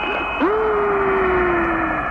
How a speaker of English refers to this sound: That is music, even sounds outer spacey, doesn't it? Do you hear that? That whistling sound?